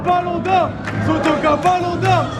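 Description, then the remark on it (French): A large crowd of supporters at the town hall roars and cheers continuously, applauding each of the players at a trophy celebration, with scarves and flags waving, scattered applause and rising, wavering shouts layered into a dense, loud wall of noise. “Chacun des joueurs a droit à son tonnerre d'applaudissements.”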